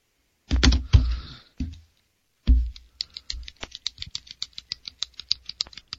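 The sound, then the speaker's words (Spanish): A few heavy knocks and handling bumps, then a quick string of small, sharp pen clicks and taps repeating, with no one speaking. “Que estoy escuchando lo que siempre haces con el bolígrafo.”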